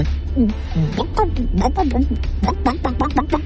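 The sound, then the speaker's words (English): A person's voice imitates a chicken clucking for a child, a quick run of repeated pitched bawk-like syllables, fairly loud over a steady low background hum. “Mama, what does the chicken say?”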